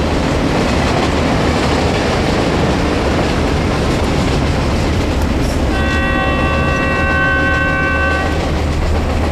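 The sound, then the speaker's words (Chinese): A train headed back to Wuhan rumbles loudly along the rails with a steady clattering roar, and partway through a long, sustained horn blast sounds over the noise for a couple of seconds. No one speaks. “不说了，上火车回武汉。”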